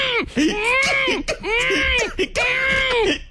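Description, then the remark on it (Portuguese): A voice imitates a girl screaming: three loud, high-pitched, wavering shrieks in quick succession, each rising and falling, with no other talk. “Aí eu tô lá na menina, aí eu vejo que ela vai gritar rapidinho aqui, ó.”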